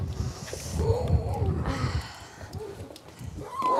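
Twelve seal pups crying in a rearing pool at a seal station on the North Sea coast, several wavering, moaning wails overlapping at a mid pitch, with a steady hiss of gusty wind underneath.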